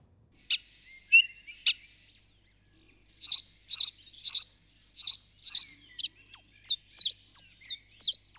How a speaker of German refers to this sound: Sechs Uhr morgens. Haben die keine Snooze-Taste? Kaum wird's Frühling, drehen sie komplett auf. Amsel, Rotkehlchen und Co. veranstalten jeden Morgen ein Konzert, als gäbe es dafür Grammys.